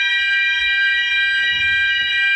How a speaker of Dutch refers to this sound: Ja, het brandalarm. En precies dit geluid duurde een half uur. Nou, dan is iedereen wel wakker, hoor.